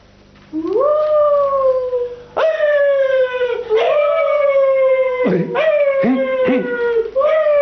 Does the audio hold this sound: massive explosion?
no